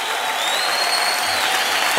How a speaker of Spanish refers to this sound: Dale fuerte el aplauso a Jesús